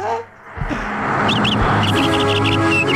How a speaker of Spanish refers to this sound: Yo escucho pájaros.